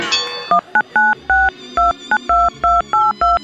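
Touch-tone telephone dialing: a quick run of about ten short, loud dual-pitched beeps at a brisk, slightly uneven rhythm, following a brief clatter at the start, with no voices.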